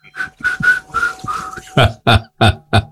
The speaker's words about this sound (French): Après l'émission, je vais aller mettre dehors sur un banc dans le jardin. Pour être bien, quoi. Je vais siffloter un peu dans le noir.